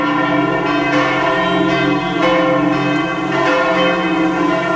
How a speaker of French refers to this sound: On entend ces cloches qui ont donc sonné dans toutes les églises de France à 10h du matin, vendredi, pendant 7 minutes.